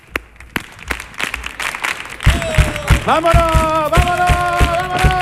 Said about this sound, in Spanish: así que vamos a ver, por favor, vamos a recibir con ambiente carnavalero. Venga, ¿cómo puede ser este público que me haga ahí unas palmas a compás?